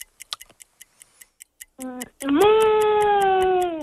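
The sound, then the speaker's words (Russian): A child imitates a cat with a short vocal sound followed by a long, drawn-out meow, clear, over the steady ticking of a clock. “Ну, поговори, как у нас разговаривает кошка. Какими звуками?”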